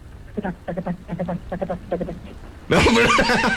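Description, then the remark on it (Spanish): A horse neighs desperately at a ranch in Aldama, Tamaulipas, on a rainy night, heard in the distance: a run of short, rhythmic nickering pulses builds into a loud, shrill, wavering neigh that cuts off abruptly, sounding agitated. “Y es que en un rancho muy conocido y famoso allá por Aldama, Tamaulipas, en una noche lluviosa, a lo lejos se escuchaba el relinchar desesperado de un caballo.”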